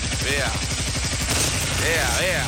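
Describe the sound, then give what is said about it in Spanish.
A motorcycle engine sputters to life on the first try and keeps running with a rapid, steady low putter, loud throughout, while brief curving higher tones rise and fall over it. “Vea, mi moto ya también está prendiendo de una, vea.”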